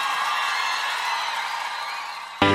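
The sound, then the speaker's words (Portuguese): A large crowd at a live concert in Brasília cheers and whoops continuously in a sustained, roaring wash of noise, loud and steady throughout, ending with a sudden louder burst at the very end. “Quem gostou faz barulho aí, gente.”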